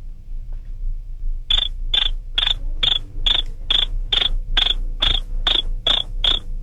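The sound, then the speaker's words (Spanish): A voice mimics a cricket, producing about a dozen sharp, evenly spaced chirps in a steady quick rhythm, fairly loud, after a brief quiet start. “haz como el grillo.”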